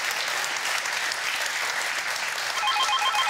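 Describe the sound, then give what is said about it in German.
Steady applause from a crowd, a dense even wash of clapping throughout, while a faint ringing telephone tone starts near the end. “Wir wünschen eine gute Fahrt und schicken den Applaus nach Sylt.”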